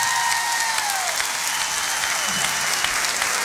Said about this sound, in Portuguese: Deixem-me só dizer que se existe noites perfeitas, hoje é uma delas, por isso, uma salva de palmas para todos.